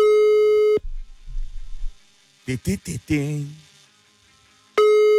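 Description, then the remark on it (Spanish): A loud, steady telephone line tone hums after a call is dialed, breaks off into a muffled stretch with a few short bursts that sound like a voice, then the same tone returns at the end. “Vamos a marcar a la persona que está”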